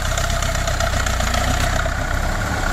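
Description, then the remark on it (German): A red Russian MTZ-50 tractor engine, just started, idles steadily, a loud low throbbing chug with rattling mechanical overtones that holds even for the whole stretch, with no one speaking. “Hier ist MDR Sachsen-Anhalt, 8.42 Uhr haben wir's und wir starten schon mal unseren Traktor.”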